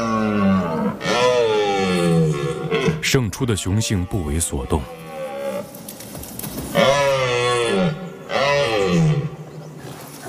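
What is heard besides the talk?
red deer stags roaring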